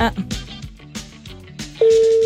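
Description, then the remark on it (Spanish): A phone number being dialed again on a cell phone after a failed call, over background chatter, then a loud, steady single-pitch telephone tone switches on and holds to the end. “¿Cómo que marqué mal? No puede ser, ya, de nuevo.”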